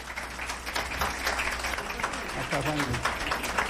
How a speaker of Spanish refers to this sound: Bueno, pues aquí está, y les pido un aplauso para Juan Guillermo Cuadrado, por favor.